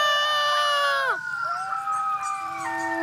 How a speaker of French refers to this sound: Les hurlements d'un coyote entraînent toujours ceux de ses voisins. Et deux coyotes qui hurlent ensemble peuvent donner l'impression d'un chœur de 12 voix.